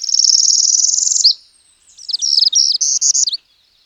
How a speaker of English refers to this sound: On Monday, I got my first few of these transients in my yard in Harwich. After the morning rain ended, I poked my head out the door and immediately heard northern parulas.